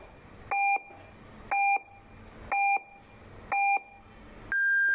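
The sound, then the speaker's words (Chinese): Radio time signal pips marking 12:30 noon: four short, evenly spaced mid-pitched beeps one second apart, then a longer, higher-pitched final tone, heard alone over a faint background hiss. “现在为您准确对时，现在是中午12:30。”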